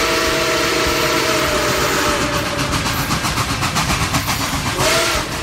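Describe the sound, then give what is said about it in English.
A loud steam train whistle blows a long, steady blast over rumbling, chugging rail noise, then a second short toot sounds near the end. No one speaks. “Let's bring in that whistle.”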